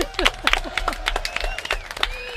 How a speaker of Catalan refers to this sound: Bueno. Fort aplaudiment, molt bé.